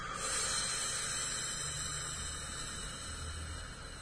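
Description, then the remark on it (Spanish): A slow, steady breath pushed out through the mouth after breathing in through the nose and holding it 2 or 3 seconds with a hand pushing on the diaphragm, a soft airy hiss lasting several seconds and tapering slightly at the end, quiet with no talking. “Vamos a respirar por nariz, ¿sí? Empujo mi manito en el diafragma, mantengo 2 o 3 segundos y largo el aire por boca.”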